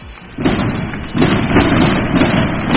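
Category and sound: salvo of firework rockets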